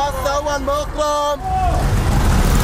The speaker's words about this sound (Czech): Takhle řidiči vykřikují své destinace a potenciální cestující tak má zrak uvolněný k hlídání, aby ho nepřejelo auto nebo osel a k vyhledání spoje mu tak stačí jen dobře nastražené uši.